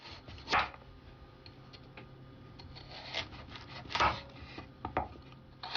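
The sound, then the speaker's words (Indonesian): A knife slices peeled carrots, cut into 5 cm lengths, into thin 3 mm matchsticks on a cutting board, with a few sharp, crisp chops standing out among softer scraping and tapping strokes at an irregular pace. No one speaks. “Kita akan mengiris wortel menjadi batangan seperti korek api, tetapi sebelum diiris, wortelnya dikupas terlebih dahulu, lalu dipotong-potong dengan panjang 5 cm.”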